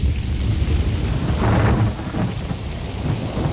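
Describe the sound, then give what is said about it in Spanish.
Steady rain hisses loudly throughout while a deep rumble of thunder swells and rolls through the middle, then eases back to the constant downpour. No voices. “tras la tormenta y cuando el cuerpo aún está notando la humedad alrededor.”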